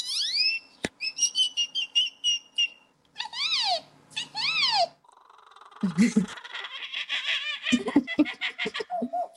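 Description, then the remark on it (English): A 12-year-old boy in Oklahoma imitates a string of bird calls: high whistled chirps, quick repeated trills and rising swoops, then harsher, raspy squawks and chatter, all loud and varied with short pauses between. “imitating bird calls. He can do 115 different types.”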